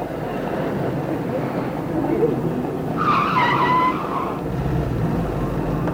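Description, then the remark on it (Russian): A taxi pulls away, its engine rumbling over steady traffic noise, with a brief high tire squeal partway through before the sound settles back into a broad road roar. “Я могла, конечно, поехать автобусом или в метро, но я схватила такси.”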